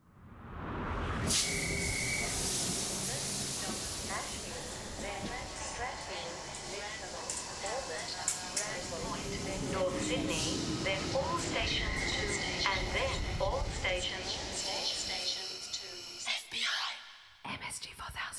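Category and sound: vehicle, train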